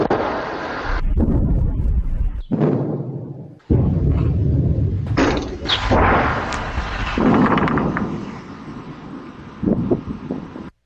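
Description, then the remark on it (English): Two deep, rumbling booms, one after the other, from a meter-wide meteor exploding in the sky over Massachusetts with an estimated force of 300 tons of TNT, recorded on security camera footage, over steady wind buffeting the microphone, with a sustained low rumble trailing between them. “Turns out that noise, yes, you know it, a meter-wide meteor exploding in the sky somewhere over Massachusetts with a force equal to, according to estimates, 300 tons of TNT.”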